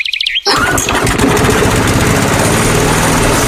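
A lawn mower engine roars to life after a brief high-pitched chirp, then runs loud and steady with a dense, rattling drone, close up and with no one talking.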